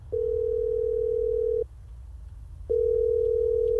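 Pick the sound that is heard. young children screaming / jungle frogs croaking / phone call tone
phone call tone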